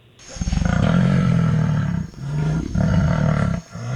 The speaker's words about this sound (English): Ooh, sounds ominous. All right, Cynthia, was that an elephant, a jaguar, or a giraffe? Oh, that's a jaguar. Yeah, it is.